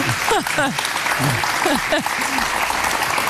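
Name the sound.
hand clapping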